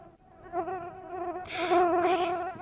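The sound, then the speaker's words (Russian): A fat fly that flew in through the door from the street buzzes steadily, its drone wavering in pitch as it circles round and round, swelling louder with brief rasping surges. “Да вот эта вот жирная муха. Влетела со мной в дверь прямо с улицы. Кружит и кружит.”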